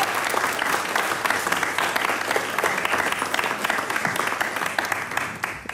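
A group claps steadily, the dense patter of many hands holding at a fairly loud, even level for several seconds without a break.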